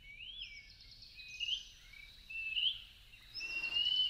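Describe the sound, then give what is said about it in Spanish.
A greater pewee (Contopus pertinax), a Mexican flycatcher, sings a short series of thin, slurred whistles, each note rising, spaced over a few seconds against a faint low background rumble, with no voices. “Es el papamosca José María, también conocido como Pibí tengo frío, nombre científico Contopus pertinax.”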